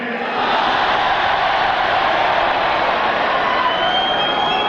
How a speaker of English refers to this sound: Modi held a diaspora event here in Auckland. 10,000 Indian New Zealanders cheering and treating him like a rock star when he arrived.